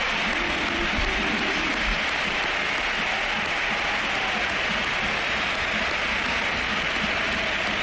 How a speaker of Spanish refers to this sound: y ovación a Modri, que también le han pegado. Esa ha sido brutal. Mira, escucha. A Modri nos ponemos de pie. Sí. Vamos. Claro, vamos, nos ponemos de pie y dejamos que suene el Sánchez Pizjuán.